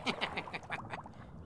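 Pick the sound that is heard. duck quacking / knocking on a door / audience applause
duck quacking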